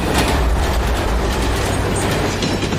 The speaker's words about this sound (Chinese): 今天当飞驰的火车几乎擦着121米高的桥塔而过，它们之间的最近距离只有6.3米。